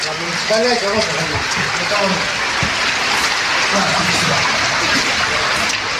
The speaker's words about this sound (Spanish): Están inundando las calles. Mira la cantidad de agua que se va perdiendo. La cantidad de agua.